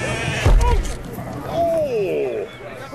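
A single wavering bleat from a North Country mule sheep entering an auction ring rings out after a dull thump and shuffling, with a murmur of activity in the background.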